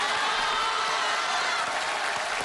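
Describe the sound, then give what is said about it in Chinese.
An audience at a crosstalk (xiangsheng) comedy performance applauds steadily for a couple of seconds, a dense wash of many hands clapping at an even, moderately loud level with no voices over it. “各位，您别鼓掌”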